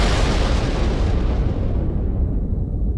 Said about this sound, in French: L'explosion, qui n'a fait aucun blessé, provoque un incendie qui contraint à l'évacuation de tous les passagers.